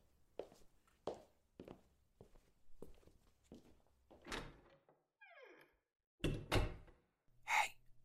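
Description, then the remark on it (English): Steady footsteps walk off as someone leaves, a door hinge creaks with a falling squeal, then the door shuts with a couple of heavy thuds and a final bump, with no talking. “Please, just lock the door on your way out.”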